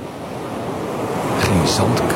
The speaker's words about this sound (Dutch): Die zit in een kustwachtershuisje in Suffolk. En het valt hem op dat de branding daar anders klinkt dan bij ons.